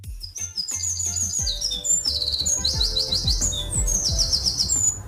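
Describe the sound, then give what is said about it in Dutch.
A small bird sitting about next to a window sings close by in quick, bright chirps and trilled phrases, repeating almost without pause over a low rumbling background. “Dat zat ongeveer naast mijn raam. Wat een prachtig vogeltje.”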